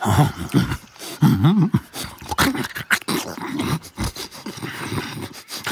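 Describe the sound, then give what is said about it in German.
A fox bares its teeth and growls in a rough, wavering rumble while greedily eating sausages lying in the snow, with sharp snarling bursts and smacking, chomping noises breaking in throughout, loud and continuous with no talking. “Erleichtert fletschte der Fuchs die Zähne und machte sich heißhungrig über die Knackwürste her, die plötzlich vor seiner Nase im Schnee lagen.”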